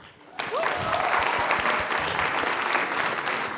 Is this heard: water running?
no